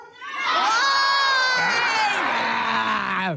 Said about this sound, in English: You know, if you're going to ask the crowd to join you in a screech, you need to tell them what it's going to be.